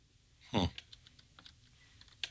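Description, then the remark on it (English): Light, irregular keystrokes tap away on a computer keyboard, a dozen or so soft clicks scattered across two seconds, with a brief voiced grunt-like sound near the start. “I can hear you typing in the background.”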